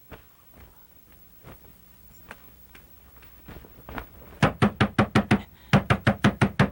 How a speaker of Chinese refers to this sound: 来了来了来了！哎呀，谁家三更半夜敲门敲这么急啊？